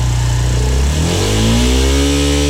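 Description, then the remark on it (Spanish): A Suzuki DR160X motorcycle engine starts and runs loud, holding a steady low idle before its pitch climbs smoothly as it revs up and warms up, with no voices present. “Miren, y así suena la DR160X.”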